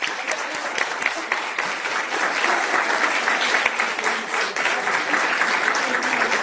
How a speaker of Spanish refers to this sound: Muy bien, fuerte el aplauso.